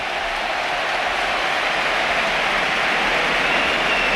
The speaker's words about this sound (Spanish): va a debutar uno de los jugadores que están llamados a marcar una época en el Betis, José Antonio Morante, 19 años, debuta en el costado izquierdo del Betis. Esta es la ovación.